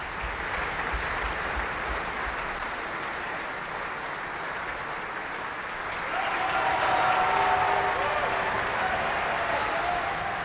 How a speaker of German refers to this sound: Und Sie hören es am Publikum, am Applaus. Er wird hier von allen gefeiert. Er bedankt sich jetzt auch nochmal im Orchestergraben, klatscht selber nach unten und winkt nach oben zu seinen Fans.